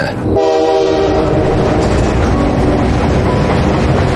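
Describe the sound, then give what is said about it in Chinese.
A train rumbles loudly along the tracks with a steady roar, travelling north in heavy snowfall in 1996, and a sustained horn-like tone sounds near the start before fading beneath the continuous rolling noise. “我们是1996年去的北边，哎，一上火车就开始下大雪，那真是叫鹅毛大雪呀。”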